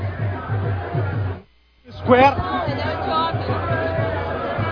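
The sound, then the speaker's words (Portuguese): A dense street crowd of New York Knicks fans celebrates at 1:30 a.m., two hours after the game, about 1 km from Madison Square Garden in New York, some on top of buses jumping and hugging; many voices blend into a loud, continuous roar with a low hum beneath; the noise drops out briefly, then returns with raised, excited shouts. “Torcedores em cima dos ônibus, pulando em cima dos ônibus, se abraçando, uma multidão fazendo festa.”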